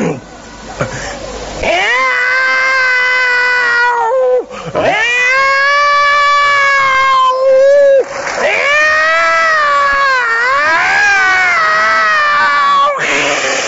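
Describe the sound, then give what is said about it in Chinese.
A person imitates a yowling cat with long, drawn-out wails that bend up and down in pitch, three loud sustained cries with only brief breaths between them. “妈，我给你学一猫叫。”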